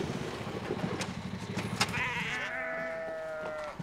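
A sheep gives one long, wavering bleat that starts midway and holds for over a second, preceded by a jumble of rustling, clattering noise and fainter bleats.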